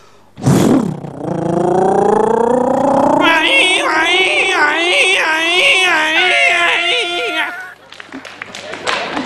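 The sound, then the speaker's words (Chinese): A voice imitates a police siren, starting with a sharp shout and then a long, loud wailing tone that rises and warbles up and down for several seconds before stopping abruptly. “你这哪是警笛叫唤呢？ 啊， 整个一个警犬叫唤呢。”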